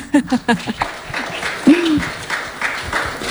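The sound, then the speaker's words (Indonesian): An audience breaks into steady applause for the three guest speakers of a discussion, a dense wash of clapping that starts with a few sharp bursts and holds evenly, with a brief whooping cheer rising over it midway. “Tapi sebelumnya berikan tepuk tangan dulu dong kepada narasumber kita.”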